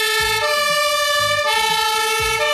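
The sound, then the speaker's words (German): Loud fire engine and ambulance sirens blare continuously, their two-tone pitches switching back and forth over a low rumbling engine, with no voices. “Das sind die Sirenen von der Feuerwehr und vom Rettungsdienst.”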